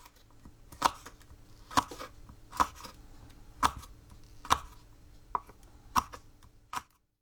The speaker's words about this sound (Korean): 식힌 꼬투리 강낭콩은 길이 3cm 정도로 비스듬히 썹니다.